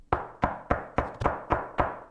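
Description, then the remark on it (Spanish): Seven sharp knocks on a door in a quick, steady rhythm, each a solid thud with a short decay, fairly loud with no voices. “¿Sabés lo que es golpearle la puerta a Otamendi y ir a explicarle que sale?”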